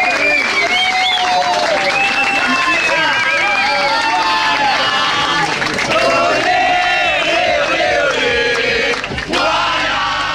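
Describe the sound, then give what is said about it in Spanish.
A loud, dense crowd roars and cheers continuously, with many voices shouting over what sounds like applause, sustained for the whole stretch. “Un aplauso fuerte”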